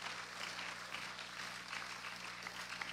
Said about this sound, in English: Once again, let's give our three outstanding valedictorians a well-deserved and resounding round of applause.